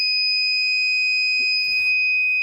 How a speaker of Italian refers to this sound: la sua funzione è molto semplice, come vi ho detto all'inizio, mettendo il sensore... che è qua, praticamente sente subito l'acqua e mi suona un impulso sonoro e anche luminoso.